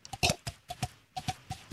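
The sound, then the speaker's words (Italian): A person imitates horse hooves clip-clopping as a sound-effects demonstration: about nine quick, hollow clicks in a loose trotting rhythm, fairly quiet, with no talking. “Il cavallo.”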